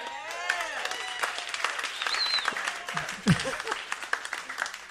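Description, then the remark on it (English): A live music audience applauds the bass player with dense, steady clapping for several seconds, mixed with scattered cheering voices and a brief rising whistle partway through. “Give him a hand.”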